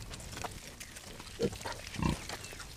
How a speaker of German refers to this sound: Sie haben sich für diese alten Rassen entschieden, weil die Schweine ganzjährig draußen leben können. Weil sie als gefährdet gelten, ist dies auch ein Beitrag zur Arterhaltung.